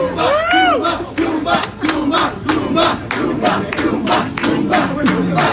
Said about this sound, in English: People cheering for you.